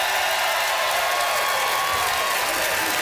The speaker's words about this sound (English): Listen to that crowd, Canada!